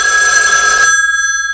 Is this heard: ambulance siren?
no